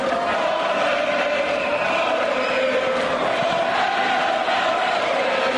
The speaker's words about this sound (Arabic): الجمهور الكاميروني يردد في المدرجات ويغني في المدرجات في هذه المواجهة.